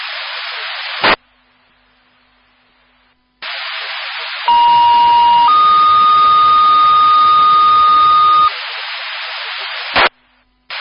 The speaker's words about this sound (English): Bangor Fire, these are your disregard tones for 46th Avenue. And Bangor Fire, these are your disregard tones for the line down on 46th Avenue.